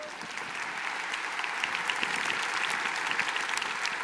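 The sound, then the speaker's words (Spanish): A crowd applauds a volunteer steadily for several seconds, a dense wash of many hands clapping at an even, sustained level with no voices standing out. “Un aplauso para nuestro hermano, ven.”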